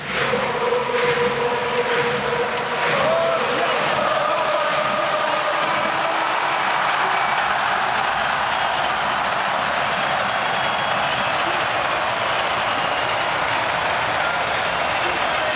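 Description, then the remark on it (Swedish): A packed arena crowd in Zürich at the Ice Hockey World Championship stands, applauds and sings for Switzerland after the team's win, a dense, continuous roar of many voices that stays loud and steady throughout without any single speaker standing out. “Nej, alla står upp här nu och applåderar sitt lag. Och de har ju sjungit i 5 minuter här nu.”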